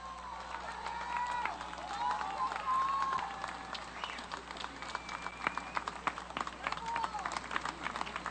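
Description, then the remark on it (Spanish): A crowd claps steadily for several seconds in farewell to the Orquesta Sinfónica de Alientos de la Guardia Nacional, a dense patter of many hands, with scattered cheers and a few high whistles rising above the applause. “Despidamos con un fuerte aplauso a la Orquesta Sinfónica de Alientos de la Guardia Nacional.”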